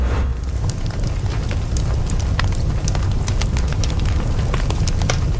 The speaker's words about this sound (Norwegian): Altså, hvem sier vel nei takk til litt knittring i peisen? Åh, det er så deilig.